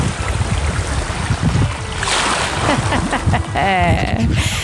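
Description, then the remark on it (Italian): Sea waves at Fuerteventura wash and roar steadily, a loud continuous rush of surf with swells rising and falling, and a brief tonal call near the end. “Le onde del mare bellissime.”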